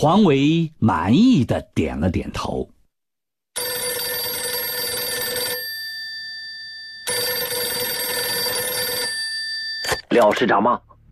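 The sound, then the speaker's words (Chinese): An old-style telephone bell rings in two long, loud bursts separated by a pause, with brief spoken voices before and after the ringing; it is an urgent call from Wu Shaozhou in Nanping. “电话是吴少洲从南平急打来的。”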